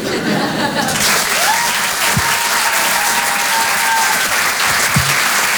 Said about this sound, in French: Merci beaucoup. Ouais. On peut applaudir très très fort, lui aussi,